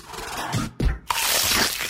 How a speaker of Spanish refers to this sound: Crujiente a cada mordida.